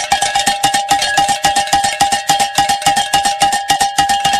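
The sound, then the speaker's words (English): A bell rings rapidly and steadily, struck over and over in a quick, even rhythm with a bright, metallic, mid-high tone. It's loud and continuous, with no voices. It is rung on the Guadalupe Radio Network to celebrate reaching a fundraising goal. “we can say during that last hour, we were able to hit our goal, and we can ring the bell.”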